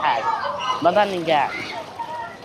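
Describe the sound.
Water sloshes and splashes steadily in a swimming pool in Khan Yunis, a busy wash of noise, while children's voices call out loudly over it.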